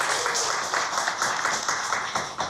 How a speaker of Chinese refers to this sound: 让我们用最热烈的掌声欢迎山崎老师，欢迎您。